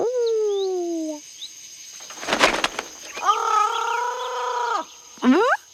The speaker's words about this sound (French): Et il y a des perroquets. Regarde, Toudou. C'est un oiseau avec des plumes de toutes les couleurs et un bec crochu.